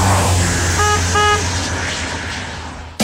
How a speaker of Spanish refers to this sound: ¡Vamos! ¡Toca la bocina! ¡Hazlo por amor a RTL!